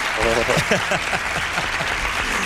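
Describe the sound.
Steady, dense hand clapping fills the whole stretch at an even loudness, with a voice talking underneath it; the speaker is applauding someone's heroic effort of covering a 10-kilometre trail in the heat.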